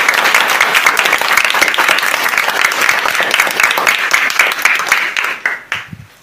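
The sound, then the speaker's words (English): A crowd claps loudly and steadily in dense, sustained applause that fills the room, then tapers off over the final second into a few scattered claps. “A round of applause.”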